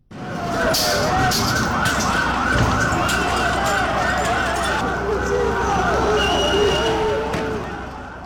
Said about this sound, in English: On a second day of demonstrations in the capital, Tirana, of Albania, thousands of students stormed the streets and were met with tear gas and water cannon from police. This was the sound outside the Prime Minister's residence.